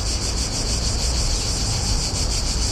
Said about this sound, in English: Are the singing cicadas we're hearing in Slovakia linked to climate change?